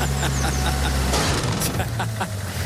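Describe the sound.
A pitchfork stabs into a car driving away with a sharp, bright metallic impact, followed by a second crack, over a low engine rumble and muffled background voices.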